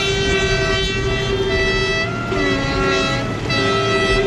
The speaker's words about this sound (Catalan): Escoltau el so dels vaixells a la manifestació sota el lema No som transeunts, som història d'esport.